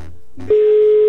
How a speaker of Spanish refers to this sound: Ya se sonó el teléfono, suerte.